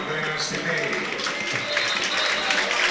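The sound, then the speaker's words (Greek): A stadium crowd applauds Panathinaikos player Tetteh as he is substituted off for Pantović, a steady, dense wash of clapping and cheering that holds at an even loudness for the whole moment. “Τετέι χειροκροτείται.”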